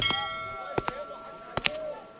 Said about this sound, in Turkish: Çanlar pazar günleri ayin için çalar. Bunlar matem çanları. Önemli biri ölmüş olmalı.